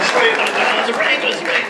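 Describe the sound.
An audience claps steadily, a dense, loud wash of applause that holds for under two seconds, with a few voices calling out among the clapping.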